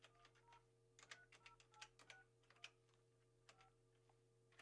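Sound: telephone number being dialed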